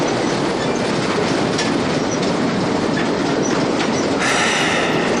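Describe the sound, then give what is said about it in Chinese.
A train heading toward Xuzhou rumbles steadily along the rails with a dense, continuous roar and faint clickety-clack, loud, with a brief metallic hiss near the end. No one speaks. “这火车离徐州可是越来越近了，这宋鲁生就是插上翅膀也追不上咱们喽。”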